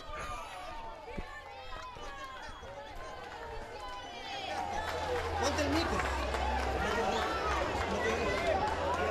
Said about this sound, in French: Et les habitants sont massés au long des rues pour saluer le pape. Et nous entendons leurs applaudissements et les cris sur le fond.